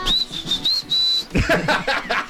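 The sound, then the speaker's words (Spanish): A father whistles a sharp, high calling whistle to call his children, likened to Woody Woodpecker, a few wavering notes rising into one long held tone, then voices and lively talk follow right after. “No, mi papá tiene un chiflido, o sea, muy característico, así como tipo pájaro loco, así.”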